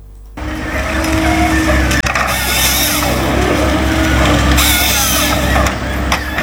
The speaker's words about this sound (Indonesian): Ada apa ini? Alat berat banyak sampai. Permisi Bapak, ini ada apa ya? Kenapa alat berat banyak sekali menuju hutan? Bisa tolong jelaskan kah? Begini Nona, alat-alat berat ini mau dipakai kasih gundul hutan ini.